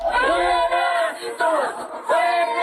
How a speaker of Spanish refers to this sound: Lo escuchamos, el grito de fuera gringos.